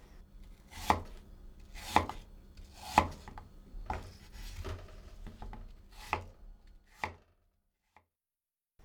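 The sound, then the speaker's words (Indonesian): A knife chops firmly through apple pieces on a cutting board, cutting them about 1 cm thick, about eight sharp knocks at a steady roughly one-per-second pace, then stops, leaving silence. No one speaks. “Potong lagi potongan apel tadi hingga berukuran tebal sekitar 1 cm.”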